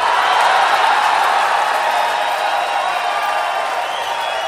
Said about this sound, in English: Flew all the way from the West Coast just to entertain you royally tonight, ladies and gentlemen, to make a live recording with you beautiful Southern people. Let's give a big Atlanta round of applause